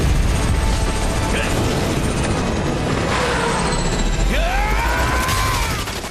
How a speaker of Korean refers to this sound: 에단의 헬기와 워커의 헬기가 충돌한다. 워커의 헬기는 꼬리 부분이 날아가고 에단의 헬기는 빙글빙글 돌다 서론으로 곤두박질 친다. 워커의 헬기도 추락한다.